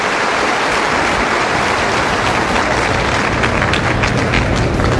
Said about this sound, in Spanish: Démosle un aplauso a este amado Jesús de Nazaret, que viene a invitarnos a seguirlo.